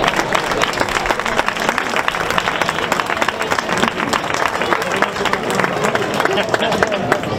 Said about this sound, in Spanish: Antes de comenzar, quiero que el primer aplauso de la noche sea para todos vosotros por estar hoy aquí y por seguir apoyando el cante y el baile de nuestra tierra. Un aplauso para todos ustedes.